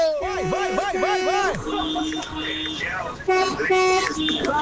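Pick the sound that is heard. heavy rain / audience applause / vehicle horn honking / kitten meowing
vehicle horn honking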